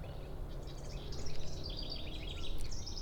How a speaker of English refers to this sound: And nor do I hear any angry birds. I can hear a lot of birds. They're all very happy. They're all very pleased to be out and about on this lovely Thursday.